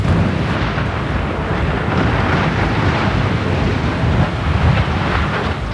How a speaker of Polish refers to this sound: Wystarczyło kilka sekund i nie ma już śladu po ponad 70-metrowej konstrukcji. W Jastrzębiu-Zdroju wysadzono wieżę szybową po byłej kopalni Jasmos. Użyto do tego 50 kg dynamitu.